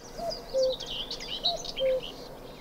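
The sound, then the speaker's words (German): Wild birds sing outdoors: a low, fluting whistled phrase repeats twice, while fainter high chirps and twitters from other birds carry on in the background. No one speaks. “weil ich weiß nicht, was hier für Vogelarten gerade oder auch andere Tierarten noch drin sind”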